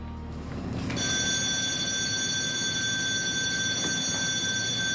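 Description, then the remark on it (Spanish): A loud electric alarm bell on a ship rings continuously from about one second in, signalling a lifeboat evacuation drill, a steady high ringing tone over a low rumbling engine hum, with no talking. “Dios mío, desaparece la señal de alarma. Simulacro de evacuación en botes salvavidas.”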